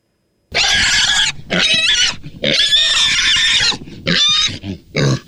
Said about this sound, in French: Je suis sûr que c'est un cochon, reprend Élie. Peut-être qu'on approche d'une ferme. » Et une fois encore, le même cri reprend.